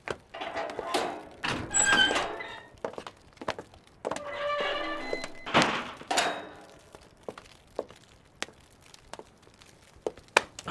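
A heavy door being opened: clunking thuds and rattles, a drawn-out creaking squeal as it swings, then scattered knocks and taps as things settle.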